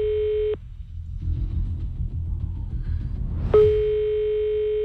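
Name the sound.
phone call ringing tone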